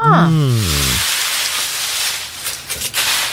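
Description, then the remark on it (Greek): Aluminum foil crinkling: a steady, loud, hissing rustle with a few sharper crackles near the end, preceded by a brief falling tone at the very start. “Ο ήχος είναι αλουμινόχαρτο.”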